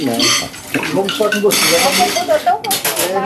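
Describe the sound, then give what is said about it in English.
Dishes being washed in a sink: running water hisses steadily while plates and cutlery clatter and clink, with a person's voice talking over the washing. The water draining from the sink flows directly into a filtering system. “now doing the dishes, and the water that's going down the drain in the sink goes directly into the filtering system.”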